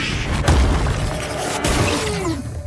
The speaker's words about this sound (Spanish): Dex se agacha cuando la planta explota en una nube de polvo púrpura y dispara sus espinas.